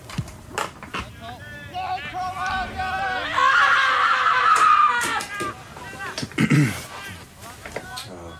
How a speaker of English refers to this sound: The scream. Give in to the more chaotic nature. Here we go. Nice. The scream.